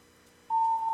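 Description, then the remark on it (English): A quiet phone line hisses faintly while a caller is on hold, then a steady, unbroken telephone tone starts halfway through and holds loud and even until the end. “Check your phone settings. You put me on hold.”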